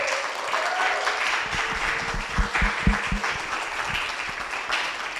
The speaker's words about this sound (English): So can we please give her another round of applause?